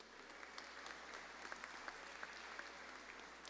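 An audience applauds steadily, many hands clapping in a dense, even wash of sharp overlapping claps that holds at a fairly constant level throughout, with no voices standing out.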